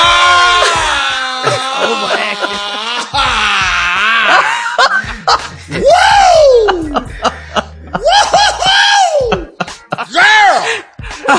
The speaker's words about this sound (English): You're going to have to let out some primal screams or some guttural sounds. Like what? Like what? Ah!